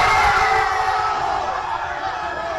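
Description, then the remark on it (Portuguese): A large crowd of Mexican football fans roars and shouts goal in celebration during the first half of a match against England, a dense, sustained wall of cheering voices that stays loud and steady throughout. “Mas ele e outros torcedores mexicanos também soltaram a voz, dessa vez para gritar gol, ainda no primeiro tempo.”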